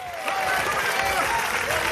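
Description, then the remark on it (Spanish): An audience bursts into loud, sustained applause for Christ, a dense wash of clapping mixed with crowd voices and some cheering that holds steady for about two seconds. “Dele fuerte aplauso al Cristo de la gloria.”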